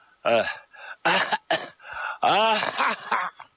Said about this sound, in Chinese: 现在的关向英身体可不行了，咳嗽病啊，日夜的咳嗽，关向英咔咔咳嗽了几口，就说胡子你要干什么？